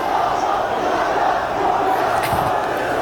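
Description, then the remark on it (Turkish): Football fans cheer and chant in a steady, loud crowd roar that holds without a break, many voices blending into a continuous wash of sound. “Taraftarın sesi geliyor.”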